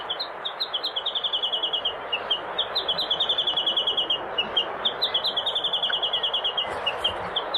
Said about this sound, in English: The Chatham Island Warbler.